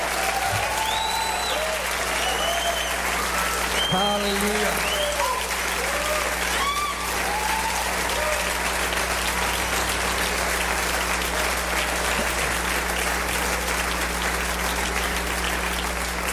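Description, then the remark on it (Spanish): Loud, sustained applause from a large audience fills the whole stretch, a dense steady wash of clapping, with a voice and scattered shouts rising briefly over it near the start. “Oh, aplaudale fuerte a él.”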